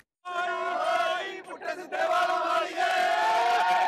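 A large crowd of fans at Wembley cheers and chants loudly and continuously before a concert by an Indian Punjabi singer, many voices blending into a sustained roar with a brief dip in the middle before surging again.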